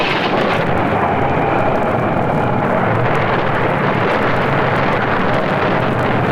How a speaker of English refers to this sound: That last lightning bolt hit us from the mizzen to the stern